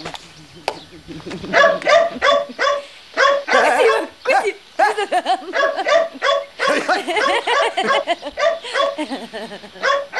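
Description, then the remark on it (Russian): A dog barks and yips in quick, irregular bursts, mixed with high whimpering whines, fairly loud throughout, as it runs after a man hurrying to a manor house. “За ним бежит собака.”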